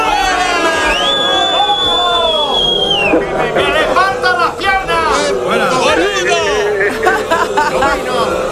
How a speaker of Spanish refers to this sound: ¿Nos vas a permitir que te despidemos con este abucheo?